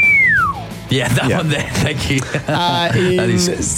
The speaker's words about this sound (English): Can you do a sad slide whistle for us, please?